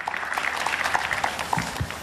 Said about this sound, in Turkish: Gençler olarak, sporcular olarak kendisine büyük alkış, teşekkürler.